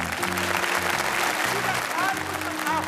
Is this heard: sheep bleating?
no